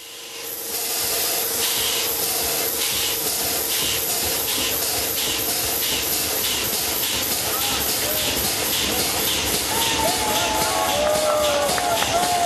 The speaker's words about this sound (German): Auch hier war nicht das Ziel, die Maschine wieder mit Dampf zu betreiben, sondern man wollte den Zylinder mit Druckluft in Bewegung bringen. 2015 war es soweit und die reparierte Dampfmaschine konnte ihre ersten Schnaufer machen.